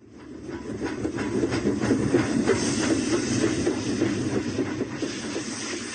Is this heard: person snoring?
no